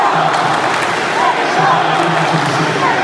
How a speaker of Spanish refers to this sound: Los gritos son por su país. Y el sueño de ver a un equipo hacer historia.